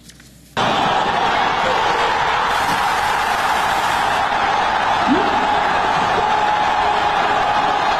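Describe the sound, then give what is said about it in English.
After a brief hush, a euphoric soccer crowd erupts into loud cheering, a dense, steady roar of countless voices that holds without letup to the end. “Well, the crowd was euphoric, like those folks in Kansas City, to put it mildly.”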